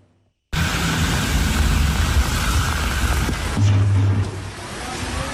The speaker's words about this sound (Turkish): Su basan sokaklarda elektrik kabloları patladı. Bu görüntü Sütlüce'de kaydedildi.